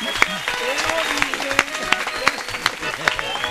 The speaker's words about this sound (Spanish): con este aplauso les decimos bienvenido.